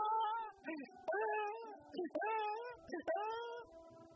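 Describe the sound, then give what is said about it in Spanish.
A person imitates a crying newborn with a series of drawn-out, wavering wails that come out sounding like a mewing kitten, fairly loud, with short breaths between them. “¿Estoy llorando como un niño o no? Yo creo que me salió más como que si tuviese yo como un gatito, ¿verdad?”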